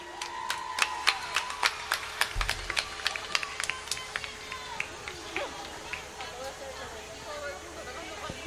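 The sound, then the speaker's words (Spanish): A carnival audience applauds the children's murga group Los Nietitos de Kika with a burst of sharp, irregular claps that thins out after a few seconds into a softer crowd murmur and scattered clapping. No one speaks clearly over it. “Pues venga, ya están preparados, así que fuerte el aplauso para los nietitos de Kika.”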